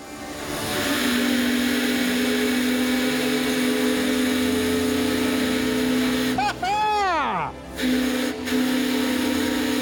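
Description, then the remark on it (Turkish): A small model steam engine runs with a steady mechanical whirr and hum, broken near the end by a brief falling, whistle-like tone as its whistle is tried, before the drone resumes. “Çalışıyor. Evet, bu bir buhar motoru.”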